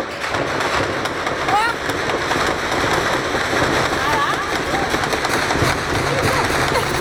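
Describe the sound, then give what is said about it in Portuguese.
Rapid, irregular bursts of gunfire crackle through a dense, steady noise during daily shootouts between rival criminal factions in Rio de Janeiro, the sharp shots overlapping in quick succession for several seconds with no clear pause. “Nos últimos 5 dias, 12 pessoas foram baleadas em meio a tiroteios diários. 6 morreram. Oh. A bala tá voando!”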